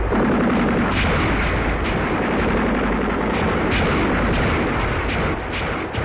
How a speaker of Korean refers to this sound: 도수성에서 총소리가 터지자 저가의 전투는 한층 더 가열해졌다.